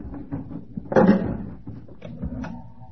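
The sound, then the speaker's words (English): An elevator door slides with a brief, fairly loud clatter about a second in, over a low background rumble, followed by quieter shuffling and faint knocks. “The elevator.”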